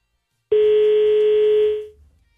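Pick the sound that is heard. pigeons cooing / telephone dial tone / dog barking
telephone dial tone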